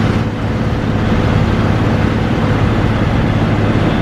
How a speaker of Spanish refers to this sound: Y así suena un avión Airbus A400M.